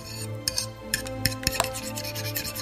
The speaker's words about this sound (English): And clean the dishes.